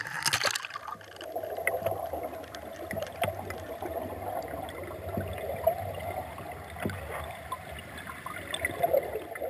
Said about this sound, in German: Ein klares, sauerstoffreiches, fließendes Gewässer. Es ist Anfang September.